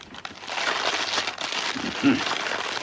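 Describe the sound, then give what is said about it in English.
Eggs sizzle in hot fat in a frying pan with a steady, bright crackling hiss that fills the whole few seconds, briefly joined by a low murmur near the end. “Nice sizzle.”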